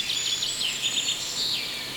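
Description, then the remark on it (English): Continuous high-pitched birdsong with warbling, sweeping trills and chirps, fairly steady and moderately loud, heard alone without any talking. “You're here, the birds are here.”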